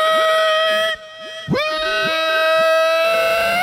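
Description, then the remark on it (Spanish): A traditional Guanacaste folk yell: a loud, high-pitched voice whooping with sharp rising and falling pitch swoops and a trilling, warbling shout over a steady humming tone. “¿Cómo suena un grito guanacasteco?”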